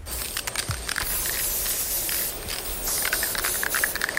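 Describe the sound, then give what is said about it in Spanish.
Hiss of an aerosol spray paint can, released in a long steady blast followed by several short, sharp bursts, loud and airy with no voices. “Cuando coges un spray, pues maravilloso, eras como un superhéroe.”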